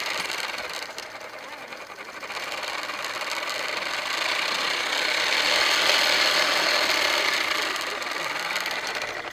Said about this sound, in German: Was ist denn das hier für eine Smoothie-Maschine? Also das ist ein Fahrrad, aber nicht ein normales Fahrrad. Dieses Fahrrad hat so einen kleinen Tisch und da im Tisch ist so eine Smoothie-Maschine. Man hat so einen Becher, da tut man die Früchte rein